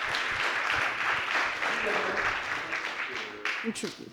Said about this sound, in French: Je vais appeler l'avocat de la défense et je vous demande de l'applaudir bien fort. Il va nous rejoindre.